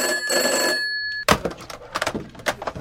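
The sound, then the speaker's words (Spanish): A telephone bell rings loudly for about a second, then cuts off abruptly with a sharp clunk, like a receiver being lifted, followed by soft handling knocks. “Entre todos, ¿podéis coger los malditos teléfonos?”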